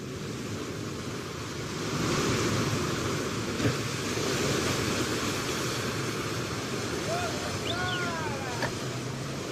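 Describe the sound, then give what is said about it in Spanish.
Rough Atlantic storm waves crash and roar continuously against an island's poorly sheltered ports, swelling louder after the first couple of seconds, with gusty wind and a few brief high chirps near the end. “Los puertos de la isla ofrecen muy poca protección contra los fuertes azotes del mar.”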